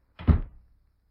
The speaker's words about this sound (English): Close that door, Lucy. You'll catch a death of cold.